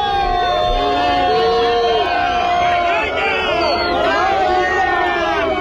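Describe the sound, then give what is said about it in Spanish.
A large crowd shouts and chants together at a protest encampment in Barcelona, Spain, after being told that Junts would vote against the decrees. Many voices overlap in a loud, continuous roar of rising and falling calls that never lets up. “Malparido, es vergüenza, es lo que se gritaba en la acampada de Barcelona cuando les comunicaron que Junts iba a votar en contra de los decretos. Así sonaba.”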